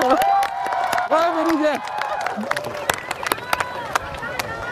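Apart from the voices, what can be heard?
crowd applause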